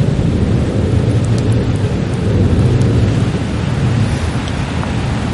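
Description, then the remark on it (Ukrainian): Heavy rain pours steadily while a deep, continuous rumble of thunder rolls underneath, loud for the whole stretch, with no voices present. “Хай краще у нас гримить грім, блискавка, ніж ворожі вибухи.”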